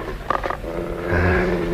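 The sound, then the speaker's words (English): A dog growls low and rumbling, a short throaty snarl rising after a couple of quick sharp sounds, with no one speaking. “With the dog.”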